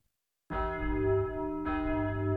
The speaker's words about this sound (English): There's the bell, boys. So that will be all for today. Class dismissed.